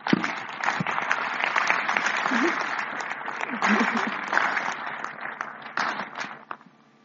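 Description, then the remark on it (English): Mourners at a funeral applaud steadily for several seconds in appreciation for the life of the deceased, a dense patter of many hands clapping at once, with a few faint voices underneath, before the clapping thins out and stops. “So I'll ask all of us, as a sign of unity, that we who are here, we give a hand clap in appreciation for the life of Matthias.”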